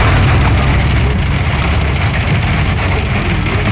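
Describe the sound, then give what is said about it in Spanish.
Hail pounds a car's roof in a dense, unbroken clatter, loud, with a low rumbling drone underneath that holds steady throughout. No voices are heard. “Está cayendo en el carro. En el carro se siente más la granizada.”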